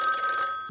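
A telephone rings on a call-in quiz programme with a bright, steady electronic tone holding several high pitches, sounding continuously and then cutting off abruptly as the line connects.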